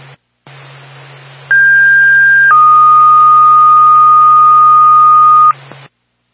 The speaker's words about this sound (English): Maximum Safety, Sugar Hill Fire Department, stand by for tone.